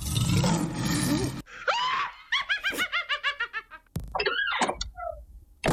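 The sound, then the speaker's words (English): Three sound effects in quick succession: a loud, rough lion roar, then a shrill, rhythmic witch's cackle, and finally a creaking closet door swinging open. “What do those three sounds make? Well, it was a lion.”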